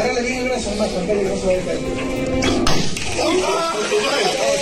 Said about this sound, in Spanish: Este es el momento del disparo. Tremendo. El grito del asesor que se desploma.